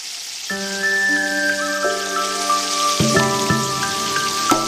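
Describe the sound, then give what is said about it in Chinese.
Steady crackling sizzle of stinky tofu blocks frying in hot oil, a dense hiss running throughout beneath louder plucked melodic music notes that enter after a moment and ring in sustained tones. “起锅烧油，放入豆腐坯，滑入滚烫热油，被滋滋的油泡瞬间包裹住。”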